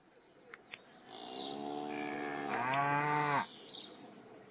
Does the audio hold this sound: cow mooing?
yes